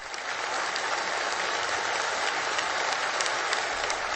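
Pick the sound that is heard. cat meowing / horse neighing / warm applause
warm applause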